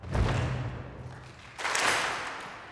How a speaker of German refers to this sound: Und für diesen starken Freundschaftsmoment nehmen wir das Motto unseres Orchesters. Und es geht so. Wir stampfen. Wir klatschen. Nochmal stampfen.